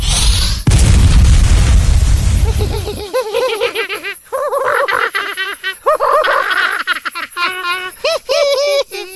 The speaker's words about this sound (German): Nimm das! Reicht dir der Feuerball nicht? Du kannst noch einen haben.